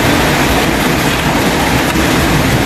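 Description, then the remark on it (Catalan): Hailstones up to 5 centimetres across pelt down and bounce during a storm in Llívia and Puigcerdà in the Cerdanya, a dense, continuous clatter of countless small impacts, loud and steady throughout with a rough, roaring texture and no voices. “Veurem com afecta això la producció de la pera i la poma, i per la Cerdanya, així és com queia pedra i rebotava.”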